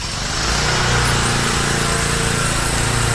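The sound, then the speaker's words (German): A lawn mower engine runs steadily in the very quiet village of Radegung, a continuous buzzing drone with a low harmonic hum that holds a constant level throughout, with no voices. “Rasenmäher, Traktor fern, vorbeifahrende Traktor, Flugzeug, Fußball.”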